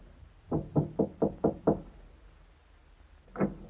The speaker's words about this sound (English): Like an automaton, he moved to the door at the end of the corridor and knocked.